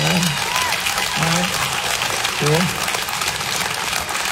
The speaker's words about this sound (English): Who else is married? By applause, married people? Where you at?